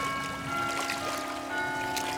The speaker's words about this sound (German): Dies ist ein Planet. Dies ist ein Ort auf einem Planeten. Dies ist ein Fluss an diesem Ort.